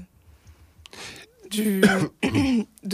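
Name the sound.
coughing and throat clearing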